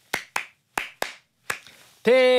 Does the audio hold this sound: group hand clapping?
yes